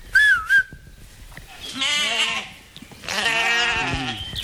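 A brief wavering whistle, then two long, quavering bleats from ewes grazing to maintain the grounds, loud and harmonic-rich, each lasting about a second, with no talking.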